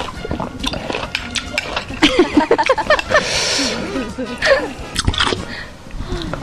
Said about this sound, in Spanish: Estoy masticando como puerco. ¿Qué le pasa? Está muy rico.